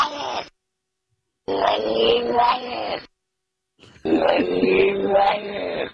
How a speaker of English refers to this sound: Oh, really want to hear the cat backwards again? Okay. I think it's the coolest thing. Yeah, let's do the cat backwards again.